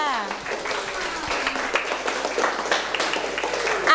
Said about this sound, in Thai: โอเคเกิร์ลเอาปรบมือเพื่อนค่ะ